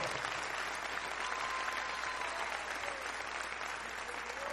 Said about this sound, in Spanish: ¿Cuántos dan gracias a Dios por esa obra gloriosa? Dele un fuerte aplauso y gratitud entonces.